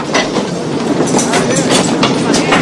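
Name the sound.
train clickety-clack on rails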